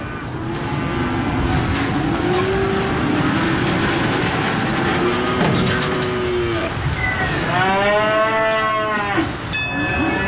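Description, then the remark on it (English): Cattle moo repeatedly in a busy pen at a livestock auction market, several long, drawn-out calls overlapping against a constant low rumble of machinery and movement, one loud bellow standing out near the end. “We average between 500,000 and 600,000 cattle through here for the last 10, 15 years.”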